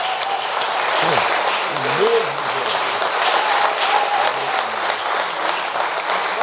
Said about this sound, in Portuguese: Vamos aplaudir a Jesus.